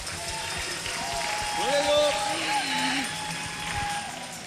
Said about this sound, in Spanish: Aplaudale, aplaudale, aplaudale.